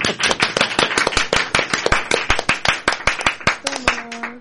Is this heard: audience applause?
yes